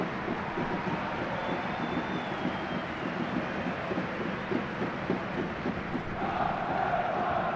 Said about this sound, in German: Und jetzt gibt es nochmal Applaus für die Akteure da unten.